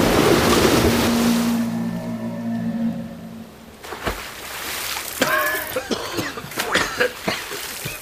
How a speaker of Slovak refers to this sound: Valí sa na nás obrovská vlna. Je mohutná ako samotné bralo. Čierna voda hučí ako stádo divých zubrov. Strháva stromy aj skaly. Ako by to boli len kúsky dreva.